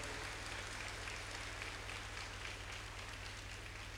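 A crowd applauds steadily for about four seconds, a dense, even wash of clapping at a constant level with no voices over it and a faint low hum underneath.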